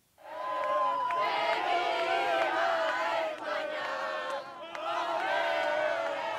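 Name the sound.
football fans cheering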